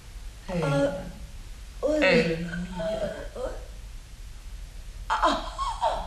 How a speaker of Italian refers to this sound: Ma com'è? Non si lamenta più. Stenta a respirare.